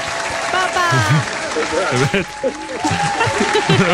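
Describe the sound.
Steady applause from an audience for two contestants after a contest, for the winner and for the one who did his best, a dense wash of clapping that continues throughout, with a voice speaking over it and scattered cheers.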